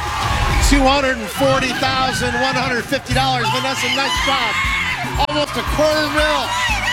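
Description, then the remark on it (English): Loud, continuous excited screaming and shrieking from a contestant and audience on the CBS game show The Price Is Right, as a mom and retired veteran wins a record prize in a single pricing game, with a man's voice briefly speaking over the uproar near the end. “And as you might imagine, there was some screaming involved.”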